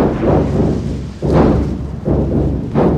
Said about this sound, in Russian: Район подвергается артиллерийскому обстрелу. Движение транспорта прекратить, пешеходам укрыться.